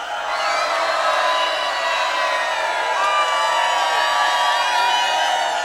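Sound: audience shouting and cheering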